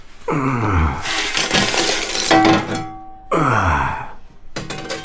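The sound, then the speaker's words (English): A shovelful of coal is tipped into a grate with a loud, rough rattling clatter lasting a second or two, framed by a couple of sighing, groaning vocal sounds. “I'll drop this shovel of coal if you don't hurry up and move.”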